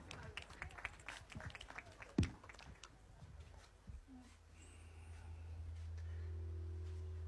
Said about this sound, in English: Félicitations, merci. Et l'applaudissement pour nos bons athlètes,